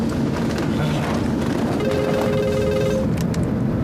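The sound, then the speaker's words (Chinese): A mobile phone rings with a steady electronic tone that rises out of loud, constant rumbling background noise for about a second before fading back into the din. “你把它调震动不就行了吗？”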